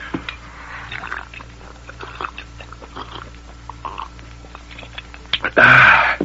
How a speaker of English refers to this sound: Let me swallow that water, Sagebrush. Here, Dirk. As soon as I wet my whistle myself.